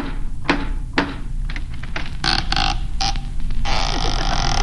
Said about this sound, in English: once and for all, will you please knock on the door?